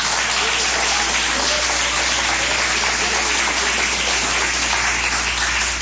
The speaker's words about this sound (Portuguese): Podeis assentar, assentando aquelas palmas bem bonitas para Jesus.